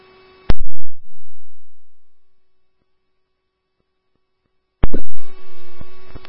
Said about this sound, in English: Our tones went off once as a duty tone, and then our all-call tones went off, but neither time we didn't get any voice.